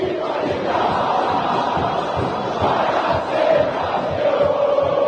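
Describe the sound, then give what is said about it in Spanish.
A huge football crowd of Boca supporters roars and chants in a stadium as their team comes out to face Vasco, a dense, sustained wall of voices with rhythmic surges and swells throughout, loud and continuous without any single voice standing out. “Escucha el pueblo de Boca.”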